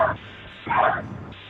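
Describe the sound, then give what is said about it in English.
A dog barks twice over a muffled phone line, a short clipped bark followed by a louder, fuller one, with low background hum. “Is that a dog barking in the background?”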